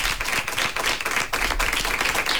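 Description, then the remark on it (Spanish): A crowd applauds steadily and loudly, dense clapping filling the whole stretch without pause, with no voices over it, welcoming a guest singer to the show. “Un aplauso para él.”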